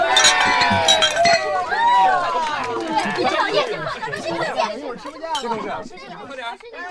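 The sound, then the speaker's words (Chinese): Glasses clink together in a toast at a department dinner party over a busy burst of overlapping chatter and cheering voices, the clinks sharp and bright near the start before the babble carries on. “说清楚了，现在开始就好好玩，干杯。”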